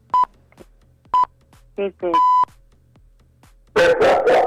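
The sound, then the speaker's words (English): A few short electronic beeps sound, then a dog barks several times in quick succession near the end, loud, with no talking over it. “Even your dog is scared right now.”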